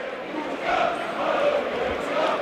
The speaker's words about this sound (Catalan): el Virolai, no? Sí, sempre, sí. Després dels crits d'independència sempre canten el Virolai.